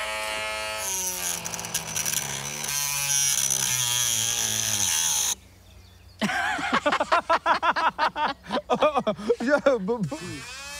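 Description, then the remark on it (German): A cordless drill whines steadily for about five seconds, its motor pitch wavering as it bites into the hard shell of an ostrich egg, then cuts out; afterwards people talk. “Kannst du keinen Akkuschrauber jetzt halten?”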